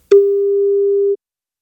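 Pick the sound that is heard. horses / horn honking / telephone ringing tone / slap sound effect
telephone ringing tone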